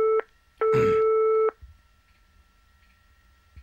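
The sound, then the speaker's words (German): An outgoing call's ringing tone in the earpiece, placed by the Radio NZ show Ein Herz für dich to find a second contestant for its partner phone game: the tail of one steady electronic tone, a short pause, then a longer tone of about a second, clear and alone with no voices. “Ich glaube immer noch an die Liebe und deswegen versuche ich jetzt einen zweiten Kandidaten für unser Partner-Telefonspiel zu finden. Mal sehen, ob jemand hier zu Hause ist.”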